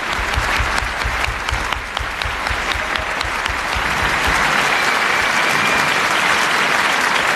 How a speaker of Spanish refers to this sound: Un aplauso para Sergio del Molino, que se despide de Radioficción. Hasta la temporada que viene. Hasta la temporada que viene, dice él. Y un aplauso también para su última entrevistada, que ha sido Nell Harper Lee.